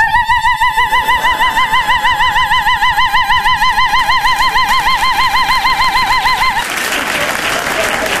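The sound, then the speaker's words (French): A loud alarm wails with a fast, steady warbling pitch for about six and a half seconds, then abruptly cuts off into a burst of rough, hissy noise. “De toute façon, si quelqu'un me touche, je me déclenche comme l'alarme.”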